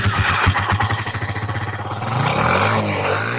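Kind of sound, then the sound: vehicle, motorcycle engine revving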